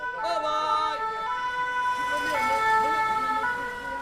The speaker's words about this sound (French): L'ambulance s'arrête en double file au milieu de la circulation et des piétons.